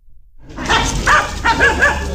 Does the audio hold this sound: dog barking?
yes